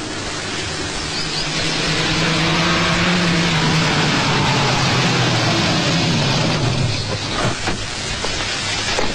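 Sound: propeller airplane flying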